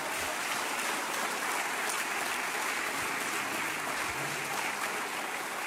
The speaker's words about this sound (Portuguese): Pode aplaudir Jesus.